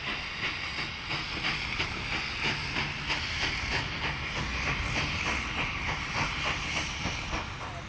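An old train rolls slowly along the rails, wheels clacking in a steady, even rhythm beneath a continuous hiss and rumble, with no voices. It is a historic locomotive, one of about 40 historic trains celebrating 150 years of the Swedish railway.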